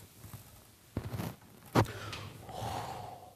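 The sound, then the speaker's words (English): A person takes a deep, audible breath in and then lets it out in a long, airy exhale, with no talking. “So when you do the stretch, wenn ihr euch so streckt, whenever you do you stretch your muscle. Wenn ihr eure Muskeln streckt, you always breathe deep.”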